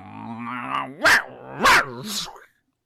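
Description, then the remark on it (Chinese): A human voice imitates a small white hound lunging to bite a nine-headed pheasant, starting with a rumbling growl and breaking into three sharp, loud barks in quick succession. “突然间呢，后腿一蹬姜夹，这条白色小细犬唰一道白光就奔那九头雉鸡就咬去了，一张嘴、张嘴就咬啊。”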